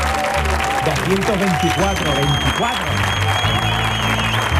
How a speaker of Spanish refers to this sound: 224 programas se cumplen hoy. Yo creo que eso merece un aplauso, por favor. Vamos, vamos.